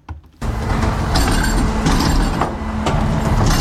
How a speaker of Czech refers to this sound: Popeláři právě vyváží popelnice na náměstí v Sedlci.